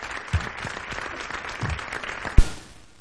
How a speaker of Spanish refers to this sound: Pues reivindicamos Palencia desde Valencia con un cariñoso aplauso de los valencianos a los palentinos.